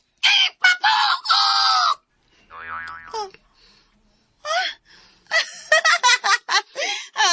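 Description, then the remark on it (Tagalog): A voice imitates a chicken with a few loud, strained clucking calls in quick bursts, followed by a short warbling vocal sound and more squawky, excited clucks and cries. “Oh, manok. Tingog manok.”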